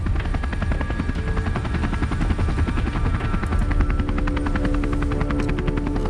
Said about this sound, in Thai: เฮ้ยเฮลิคอปเตอร์ขึ้นแล้ว